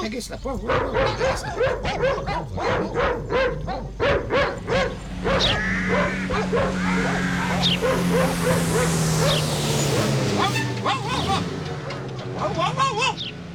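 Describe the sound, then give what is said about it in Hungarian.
Several dogs bark and yip in rapid, overlapping bursts in a yard, with occasional whimpers, while a person talks over the steady barking. “Mit ugattok itt az udvarban?”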